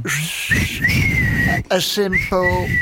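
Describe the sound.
A person whistles loudly, with sharp upward swoops into long sustained notes, like a repeated wolf whistle over a low rumble of background noise.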